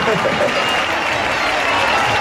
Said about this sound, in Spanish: Y quiero que le demos un fuerte aplauso porque eso no se hace todos los días. ¡Ole!